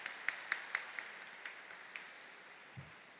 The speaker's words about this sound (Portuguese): Dizimista? Ah, muito bem. É muito raro acontecer de coincidir o dizimista estar na missa. Uma salva de palmas.